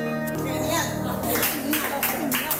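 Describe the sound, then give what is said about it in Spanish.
An audience breaks into applause: a steady wash of many hands clapping, with some voices in the crowd, after a sustained tonal sound at the start. “Bueno, muy aplaudido por lo que veo al acabar, ¿no?”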